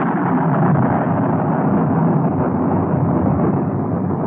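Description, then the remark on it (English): A loud, continuous rolling peal of thunder, a deep rumble that holds steady for several seconds without fading, with no voices over it. “That was a peal of thunder.”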